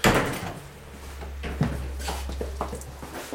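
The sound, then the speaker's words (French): Airlock doors clunk open and shut as people pass through them on the French side of the French-Swiss border, a few sharp latch thumps and rattles spaced over several seconds above a steady low mechanical hum, with no one speaking. “On va franchir la porte. Alors, première porte. Donc, du sas, la deuxième porte, et là on est toujours en France.”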